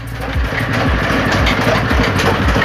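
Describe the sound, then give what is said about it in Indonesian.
A pressing machine flattens kolang-kaling (sugar palm fruit) with a loud, steady low motor drone, punctuated by regular dull thumps about twice a second. No voices are heard. “Setelah direndam, kolang-kaling akan dimasukkan ke mesin untuk dipres atau dipipihkan.”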